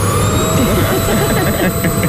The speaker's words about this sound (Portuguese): Som de aspirador.